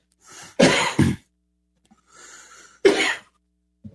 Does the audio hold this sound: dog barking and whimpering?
no